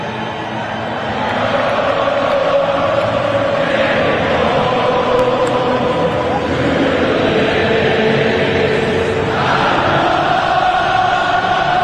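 A huge stadium crowd sings together in a loud, sustained roar of massed voices, the melody smeared by echo and distance, swelling and continuing for the whole stretch.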